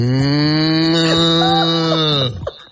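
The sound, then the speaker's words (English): A person imitates a cow with one long, low, droning moo held for about two seconds, loud, before it drops off abruptly at the end. “See, cows don't go moo. Cows just go.”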